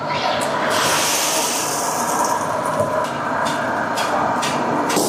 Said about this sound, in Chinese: 将之前准备好的粉丝下入油锅内进行炸制